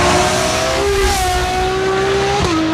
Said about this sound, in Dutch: Ik heb deze even opgezocht. Dit is de Ferrari 12 cilindri met een Novitec Race Exhaust System.